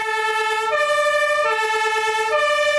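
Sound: fire engine siren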